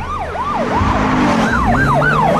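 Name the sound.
police car sirens approaching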